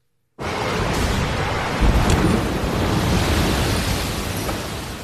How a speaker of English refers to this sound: I'm not sure if you could see that as it happened, but a huge tide just came in that shook the entire ground where I'm at right now.